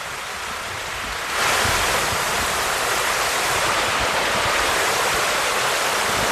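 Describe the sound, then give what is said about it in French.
Steady rushing of the Cure river flowing under a small single-arch stone bridge at Pierre-Pertuis, Yonne, France: a dense continuous hiss and roar that swells louder after the first second and then holds evenly, with no voices. “Pour nous parler de leur travail, ils nous ont donné rendez-vous dans l'Yonne à Pierre-Pertuis, sur un petit pont de pierre qui enjambe une rivière, la Cure.”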